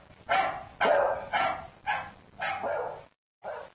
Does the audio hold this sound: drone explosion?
no